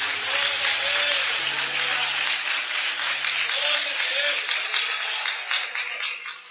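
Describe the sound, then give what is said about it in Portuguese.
An audience applauds the Lord Jesus steadily for several seconds, a dense crackle of many hands clapping at once, with faint sustained low tones underneath that fade as the clapping continues. “Aplauda o Senhor Jesus.”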